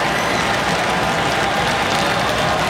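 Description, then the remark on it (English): A stadium crowd at a soccer match between Cincinnati and the Columbus Crew applauds steadily as the ball goes out of play for a Columbus goal kick, a dense, even wash of clapping at a loud level that holds without a break for nearly three seconds, with no voices standing out. “And a round of applause as it's going to be a goal kick for Patrick Schulte and the Columbus crew.”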